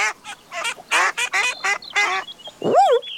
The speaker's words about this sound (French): quand il entend... Oh. Tiens, des canards.